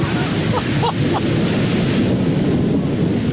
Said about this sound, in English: So we just parked, and it is starting to thunder and rain. So perfect conditions for knocking on doors, right?